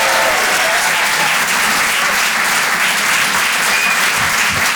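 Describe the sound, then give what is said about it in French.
Loud, sustained applause from an audience at the Rire et Chansons Comedy Club, a dense steady wash of clapping with occasional cheers and whistles rising above it, lasting the whole stretch without any talking. “Faites du bruit, s'il vous plaît, pour Nikos sur les chansons.”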